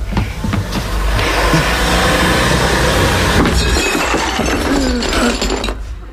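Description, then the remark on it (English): Porcelain crashes and shatters loudly, with sharp clattering bursts over the steady, roaring whir of a vacuum cleaner that runs for several seconds before cutting off; the vacuum cleaner's cord caught round the legs of the furniture holding the porcelain, knocking it over by accident. “I smashed his porcelain.”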